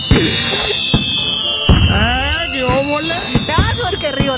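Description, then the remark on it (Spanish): Fireworks rockets go off in a loud burst: several sharp bangs spaced irregularly, mixed with shrill whistling and warbling tones as the rockets streak upward. “Ahí le van los cohetes”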